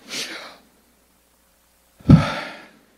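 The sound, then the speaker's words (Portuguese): Two breathy sounds with a pause between: a soft, airy intake of breath, then after about a second and a half a stronger, forceful exhale, made to voice the Hebrew name of God without vowels, as breathing in and out. No words are spoken. “O nome de Deus é uma imagem da respiração. O hausto divino. O inspirar e o expirar de Deus.”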